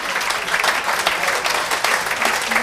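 An audience claps steadily, a dense wash of many hands applauding together at a fairly close, even level throughout, with no voices standing out.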